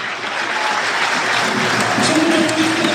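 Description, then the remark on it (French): The crowd at Le Basser stadium applauds Stade Lavallois player Mathis Oudéyé as he is substituted off during a play-off match, a dense, continuous wash of clapping that stays loud and even for the whole stretch, with faint crowd murmur mixed in. “Très applaudi aussi par le public de Le Basser et c'est mérité, ouais, mérite, pour Mathis Oudéyé que l'on reverra certainement l'année prochaine sous le maillot tango.”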